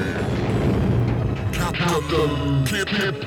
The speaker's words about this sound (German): Und jetzt der größte Knall im All.